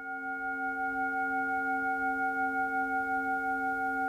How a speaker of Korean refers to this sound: 혹여 울림이 흐트러질까, 누군가 명상에서 깨어날까 염려하며 온 정성을 다해 싱잉볼을 울리는데요.